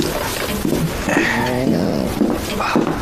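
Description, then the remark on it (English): A dog whimpers, a few short, high, wavering whines over about three seconds, with a steady low background underneath. “That dog is an absolute disgrace.”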